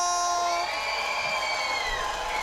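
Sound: concert crowd cheering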